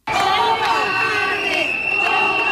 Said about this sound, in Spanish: Con gritos de cobardes se han referido a la alcaldesa de Zaragoza, Natalia Chueca.